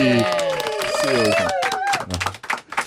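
Applause from an audience of a broadcast show blends with a bright musical jingle, then breaks into short, scattered bursts of clapping as the tune fades near the end.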